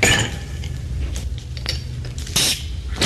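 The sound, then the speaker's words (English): Wine being poured, with glassy clinks and rattles scattered through a few seconds of clattering and brief bright splashy bursts, no voices. “But anyway, I'm pouring the wine!”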